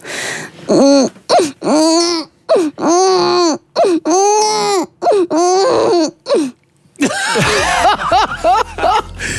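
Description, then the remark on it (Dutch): A voice imitates a crying baby in a series of wavering, wailing bursts with short gaps between them. It ends in a noisier, broken-up cry, loud. “We gaan nu helemaal in de diepte, want we hebben een verborgen talent van jou ontdekt. Jij kan een baby imiteren.”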